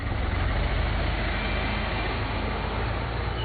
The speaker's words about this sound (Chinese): 崔文泰边发动引擎边说